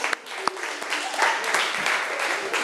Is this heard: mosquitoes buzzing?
no